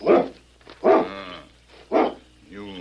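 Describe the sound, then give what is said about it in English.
A dog barks three times, sharp separate woofs with short pauses between, followed by a softer, whiny yelp at the end. “That dog is perfectly tame.”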